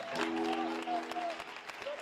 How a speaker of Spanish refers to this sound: Aplauda para el Señor, por favor.